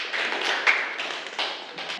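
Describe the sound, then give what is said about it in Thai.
Students in a classroom clap for a classmate, a dense, steady patter of many hands at moderate loudness lasting about two seconds, with no voices over it. “ขอเสียงปรบมือให้กับเพื่อนหน่อยนะครับ”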